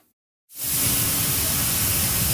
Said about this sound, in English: The sound of thousands of tons of Canadian durum wheat being loaded on a ship at the port of Churchill feeds renewed optimism about its future.